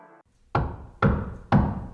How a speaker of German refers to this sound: Hör mal, wer da hämmert. Das sind die von Antenne Wiesbaden.